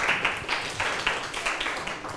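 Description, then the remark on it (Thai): A short burst of applause from a class of students clapping for a classmate, steady scattered clapping with bright, crisp hand slaps holding at an even level for about two seconds, no voices above it. “80ต่อ48ปรบมือให้เพื่อนหน่อยครับ”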